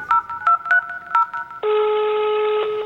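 A rapid run of about six telephone keypad dialing tones, short crisp beeps in quick succession, followed by a steady continuous electronic tone that holds to the end. No voices.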